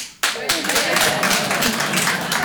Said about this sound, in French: Alors par applaudissement, faites du bruit.